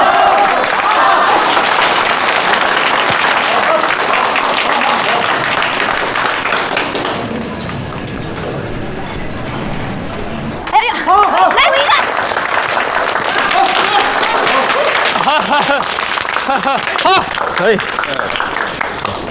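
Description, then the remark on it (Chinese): Sustained audience applause, a dense, loud wash of clapping that eases briefly midway, then swells again with voices calling out over it. “我们俩让小周来跟我们讲一讲如何入职不到三个月拿下别人三年的业绩，鼓掌。”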